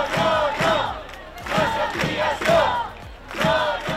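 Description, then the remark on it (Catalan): A large protest crowd in the Balearic Islands, protesting Aena's plans to increase traffic at the islands' airports, chants in unison, loud voices rising and falling in a steady repeated rhythm of short phrases, about four beats over the stretch, with no single speaker standing out. “persones protesten contra els plans d'Aena que preveuen augmentar el trànsit als aeroports de les Illes.”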